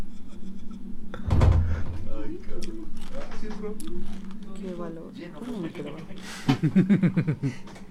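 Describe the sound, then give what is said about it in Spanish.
A door opens with a short, loud creaking thud near the start, followed later by another burst of noise, while people talk excitedly throughout. “Ahí va otra puerta.”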